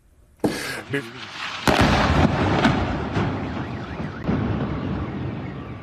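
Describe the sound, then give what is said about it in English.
A sudden loud blast in the southern port city of Bandar Abbas, then a second heavier explosion, followed by a long, rumbling roar that slowly fades while an alarm wails faintly in the background and indistinct voices carry. “This video shows an explosion in the southern port city of Bandar Abbas.”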